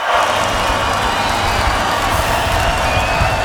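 A large concert crowd cheers and shouts continuously at the end of the gig while waiting for a possible encore. It is a loud, dense roar of voices with scattered whoops and applause, steady throughout with no talk over it.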